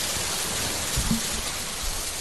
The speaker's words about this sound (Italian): Ok, partiamo con un bel effetto pioggia, ok? Proprio per introdurre il brano che stiamo per andare ad ascoltare.